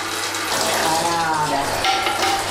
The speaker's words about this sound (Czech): Takže nic nepřijde na zmar, už nám syrovátka stéká do kýble a ten tvaroh je takový vláčný, pěkně vidět, že je tučný.